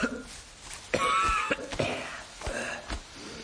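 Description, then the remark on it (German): Several strained, heavy coughs burst out in quick, uneven succession, fairly loud, with raspy wheezing strain between them and no talking, from someone emerging from a grave and knocking earth off his suit and hat. “Jemand klopft sich Erde vom Anzug, seinen Hut aus, hustet angestrengt, dass man meinen könnte, gleich macht auch noch das letzte Lungenbläschen dicht.”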